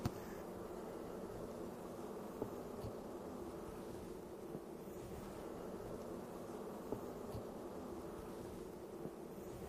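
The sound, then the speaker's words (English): A steady, dense drone of many honeybees, treated for mites, buzzing around an open hive, a continuous hum with faint clicks and rustles mixed in and no voices. “So another thing we're going to do, these bees have been treated for mites.”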